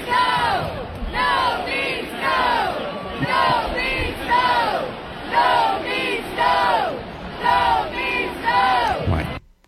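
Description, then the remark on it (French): A large crowd chants "No means no" in unison inside a hockey arena, the short phrase repeated over and over in a steady, loud rhythm that rises and falls with each cycle. “La foule scandait. No means no. No means no. No means no.”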